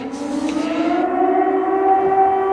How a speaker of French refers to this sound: Alors que les sirènes résonnent sur la ville, la cour de l'école, le terrain de basket, tout est vide.